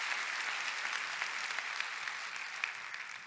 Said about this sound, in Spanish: Dar un aplauso a Cristo.